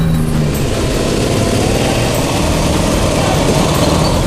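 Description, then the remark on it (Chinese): A single motorcycle engine rumbles loudly and continuously, a dense, steady roar with a throbbing low end that holds for the whole stretch. “团长，就一辆摩托车。”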